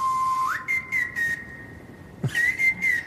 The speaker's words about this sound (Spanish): ¿Y encima alguien está silbando? ¿Por qué se te ocurrió eso para la canción?